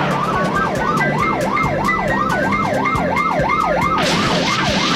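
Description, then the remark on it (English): A police car siren wails during a hot pursuit in a fast, steady up-and-down yelp, loud, over a rumbling engine and road noise, with a burst of hiss near the end. “Police car in hot pursuit.”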